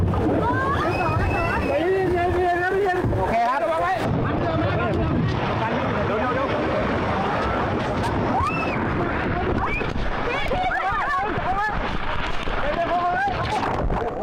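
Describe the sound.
A police rescue team's motorboat churns through floodwater in Chachoengsao province, Thailand, on its way to help residents, with a steady engine drone and sloshing and splashing throughout, while excited voices shout and talk over it.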